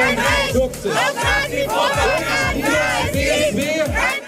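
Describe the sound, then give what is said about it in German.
A crowd of hundreds of people protesting outside the state parliament (Landtag) of Saxony-Anhalt, Germany, against the election of AfD politician Tobias Rausch as its president, chants loudly in unison, shouting voices rising and falling in a steady rhythm while repeated low thumps, like drumbeats, mark the beat underneath. “Vor dem Landtag protestierten heute auch hunderte Menschen gegen die Wahl.”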